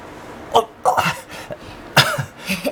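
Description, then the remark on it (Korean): A run of dry, hacking coughs, about four sharp bursts in a ragged sequence, fairly loud with no talking over them, from a young man who bursts into a dry cough while catching the heavy weight of the young master against his chest. “마지막으로 빗자루를 꺼내준 도련님은 나뭇가지 위에서 현우의 품속으로 뛰어들었고 현우는 도련님의 묵직한 무게를 가슴으로 받아내다 그만 마른 기침을 터뜨렸다.”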